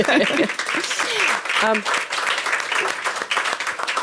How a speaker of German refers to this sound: Ja. Ja, also Applaus für das Familienunternehmen.